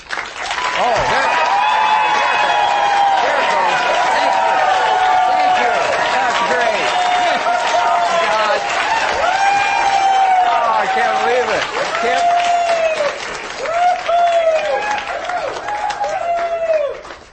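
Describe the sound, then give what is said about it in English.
A large studio audience of the EWTN Radio show Living Right with Dr. Ray applauds loudly and steadily for the whole stretch, with whoops and cheers rising above the dense clapping, which never lets up. “If this is what I had to do to get applause.”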